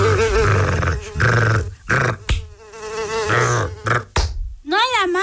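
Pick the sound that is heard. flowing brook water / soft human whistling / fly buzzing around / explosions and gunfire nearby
fly buzzing around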